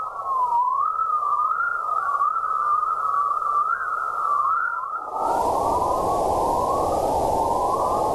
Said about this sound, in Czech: Experti z Ústavu fyziky atmosféry Akademie věd a Univerzity Karlovy došli k závěru, že elektromagnetické vlny na slyšitelných frekvencích, přezdívané vesmírné cvrlikání, mají překvapivě pevné a pravidelné prostorové a časové rozložení.